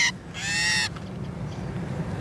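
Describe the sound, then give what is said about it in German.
A female common starling lets out a harsh, protesting squawk, a short sharp note followed by a loud, strained call of about half a second, then only faint background noise, as it is held head-down in a small homemade tube made from a toilet paper roll on a sensitive scale to be weighed. “Jetzt ist die Geduld der Starin dahin.”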